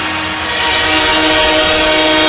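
A loud, sustained train horn blares over the steady roar of a train rolling past, the sound swelling slightly and holding for a couple of seconds with no voices.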